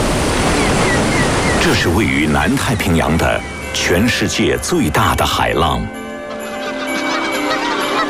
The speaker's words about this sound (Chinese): 这是位于南太平洋的全世界最大的海浪